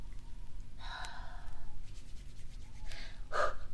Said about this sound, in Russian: Ты чё пыхтишь? Да я не пыхтю, я руки грею. Стынут сильно.